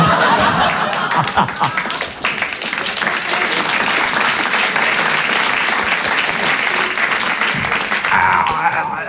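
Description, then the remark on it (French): A crowd applauds steadily and loudly for about nine seconds, a dense wash of many hands clapping, with scattered laughter and chuckles mixed in. “Avec, merci pour le solo d'applaudissement.”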